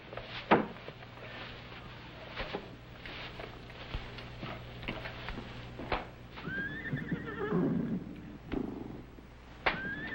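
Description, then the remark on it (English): A horse whinnies loudly, a long shrill neigh that rises and falls, amid scattered hoof knocks and stable shuffling, with no one speaking. “What do you suppose is bothering them horses?”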